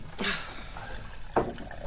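Water pours from a cooler into a glass in two short, soft gushes with a quiet gap between, faint, with no talking.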